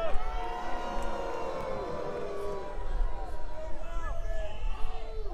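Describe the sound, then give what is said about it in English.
A crowd boos steadily for several seconds, many voices overlapping in long, wavering low 'boo' tones that stay loud throughout without letting up. “Take your booing to the voting booth, where it really matters.”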